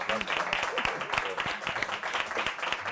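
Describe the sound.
Steady audience applause for a man after a poem written for him is read, a dense crackle of many hands clapping continuously for a few seconds, fairly loud and even throughout, with faint voices mixed into the clapping.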